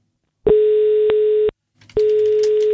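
A steady, loud telephone dial tone as Radio 957 calls a contest winner, humming for about a second, cutting out briefly, then returning with crackly line noise layered over it. No one speaks.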